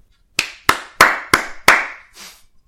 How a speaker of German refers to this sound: Und ich finde, das ist schon einen Applaus wert. Also, jetzt alle mal klatschen.